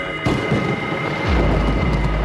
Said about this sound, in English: Say the storm and flood will become greater.